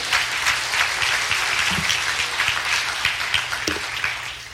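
A crowd applauds steadily as a hand clap of praise to the Lord during a sermon, a dense wash of many hands clapping at once that holds at an even, fairly loud level for several seconds, with no talking over it.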